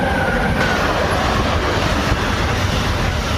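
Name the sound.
train passing on railway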